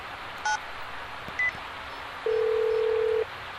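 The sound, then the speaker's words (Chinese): Two short electronic keypad beeps spaced about a second apart, followed by a longer steady phone tone lasting about a second, as a telephone is dialed in a car stopped on Yanhe East Road. No one speaks. “三位老兄弟呀、啊，我打个电话啊。”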